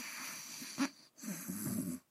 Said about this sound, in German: Er ist aber auch zu müde und gähnt. Kurze Zeit später ist leises Schnarchen zu hören.